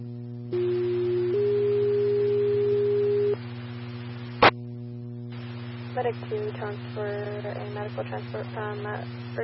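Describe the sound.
A two-tone radio dispatch page toning out Medic 2 for a medical transfer from Urgent Care: a steady pitched tone jumps to a slightly higher one and holds for about two seconds over constant hum. A sharp click follows, then a radio voice starts talking.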